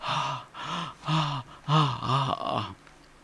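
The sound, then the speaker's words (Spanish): A voice imitates rapid panting gasps, about six breathy, voiced pulses in quick rhythm, fairly loud, with no words spoken. “En la puerta siguiente, jadeos de nuevo.”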